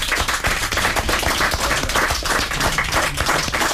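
A studio audience breaks into steady applause, dense overlapping handclaps filling the whole stretch at an even, fairly loud level with no voices on top.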